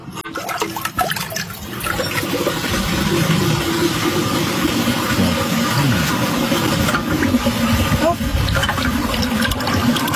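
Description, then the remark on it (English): A 1976 American Standard Luxor toilet flushes with a loud, sustained rushing and gurgling of water that starts abruptly and churns steadily for several seconds. “and we are going to be flushing it.”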